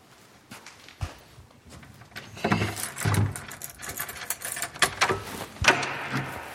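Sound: door being opened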